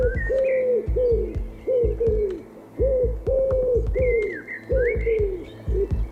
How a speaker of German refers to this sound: Was ist das denn? Oh, du hast taubisch gesprochen.